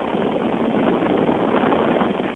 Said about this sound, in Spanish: Porque el viento que emana de ese ventilador es muy fuerte, es muy intenso, es muy potente. ¡Chéquelo!